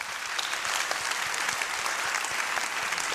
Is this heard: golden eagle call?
no